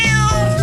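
A single loud cat meow, brief and drawn-out with a clear tonal whine, heard on its own without any talking.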